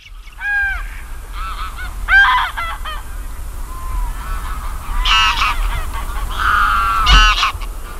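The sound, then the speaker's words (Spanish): Greylag geese, the largest of the European geese, honk repeatedly in loud, overlapping nasal calls, several birds calling in irregular bursts over a low, steady background rumble, with no talking. “Bueno, pues este es el sonido del Ansar, el mayor de los gansos europeos, que es simbólico.”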